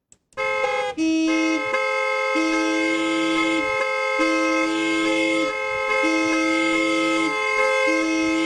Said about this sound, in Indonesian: Kalau klakson ditekan terus, yang minggir bukan cuma kendaraan, kesabaran orang juga ikut minggir. Gunakan bel dan klakson seperlunya.